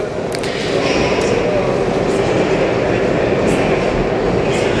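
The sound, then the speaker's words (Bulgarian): A metro train rumbles loudly through an underground station, a steady roar of wheels and motor that holds for the whole stretch, with a few brief high squeals riding on top. “Очакванията са новото решение на метрото да намали автомобилния трафик с около 25% и докато чакаме да дойде следващия метровлак, да ви кажа, че всички, които пътуват в новия участък днес, ще се возят безплатно.”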